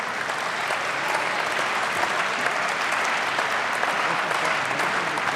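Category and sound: crowd, applause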